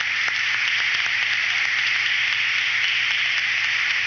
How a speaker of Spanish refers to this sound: También damos un especial reconocimiento al coro de esta noche, el coro Sagrado Corazón de Jesús de Licey al Medio, quien nos ha elevado el espíritu con sus hermosas canciones. Un aplauso para ellos.